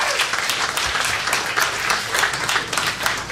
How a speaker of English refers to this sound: OIA Male Coach of the Year, Jacob Sir. Big round of applause for Jacob.